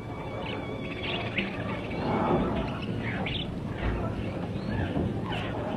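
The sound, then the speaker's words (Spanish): Several birds chirp and sing in overlapping bursts of short, bright calls in a forest beside a stream, a steady chorus over a soft, continuous murmur of flowing water. “Debéis alabar mucho a vuestro Creador y amarle continuamente, ya que a ustedes, aves, os dio muchas plumas para vestiros, alas para volar y todo cuanto necesitáis.”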